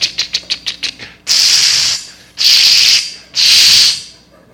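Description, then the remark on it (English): A voice mimics a spray paint can being used to tag a house with graffiti in a gated community: a quick run of about seven clicking rattles, then three long, loud hissing sprays, each lasting about a second with short pauses between. “So I went up, got a can of spray paint in my little gated community I grew up in.”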